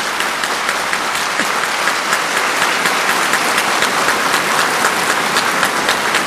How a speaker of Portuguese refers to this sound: Você pode dar aplaudir o Espírito Santo, mas bem forte, bem forte.